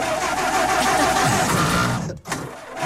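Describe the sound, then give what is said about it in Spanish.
A car engine cranks and catches, a loud, rough mechanical roar that runs steadily, dips briefly near the end, then picks back up. No voices. “Listo, ahí arrancó.”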